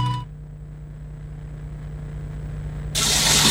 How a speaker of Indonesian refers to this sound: Ya ampun, ini keran air kok nggak dimatikan lagi.